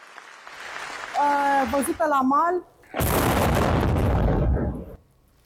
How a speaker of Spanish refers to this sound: La explosión de un dron naval en el puerto rumano de Constanza ha sorprendido a esta reportera en pleno directo. La lancha no tripulada había sido localizada previamente y la zona estaba acordonada antes de que el aparato se autodestruyera